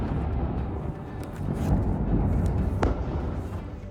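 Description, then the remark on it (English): Deep, continuous rumbling from explosions in southern Lebanon, with a few sharper cracks breaking through, the loudest near the end. No one speaks. “New explosions in southern Lebanon hours after 11 people were killed in one of the worst Israeli attacks since a ceasefire took effect.”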